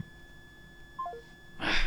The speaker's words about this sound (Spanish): Ahorita le marcamos por WhatsApp.